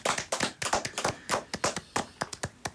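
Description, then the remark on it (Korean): A short burst of brisk hand clapping from a few people after a guest tells how the group's members came together, quick uneven claps rising and falling for a couple of seconds with no talking. “이야 박수 한 번.”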